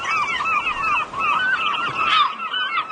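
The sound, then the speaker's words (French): A chorus of raucous gull calls overlaps continuously, harsh cries rising and falling, with no voices heard. “Vos fameux goélands, Jocelyn, les habitués de l'émission l'entendent souvent à cette heure-ci”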